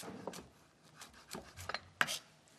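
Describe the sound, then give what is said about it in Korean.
A knife chops an onion into fairly large pieces on a cutting board in a loose, irregular series of crisp taps and soft thuds, with the sharpest, loudest stroke near the end and no voices. “그래서 양파도 이제 금방 익는 재료이기 때문에 네. 사이즈는 조금 더 크게 제가 잘라주도록 사이즈 하겠습니다.”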